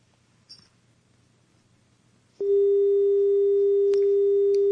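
After a couple of seconds of near silence and a faint click, a loud, steady telephone dial tone begins abruptly on a radio call-in line after the caller hung up, and drones on unbroken to the end.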